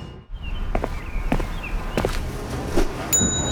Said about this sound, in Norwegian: Jeg bare ringte i bjella for en effekt her, skjønner du.